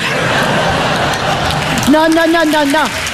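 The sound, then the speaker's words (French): A dense wash of audience clapping and laughter at a comedian's joke about footballers fills the first two seconds, then a single voice speaks over the fading crowd noise. “Non, monsieur, dame, n'applaudissez pas, parce que c'est méchant.”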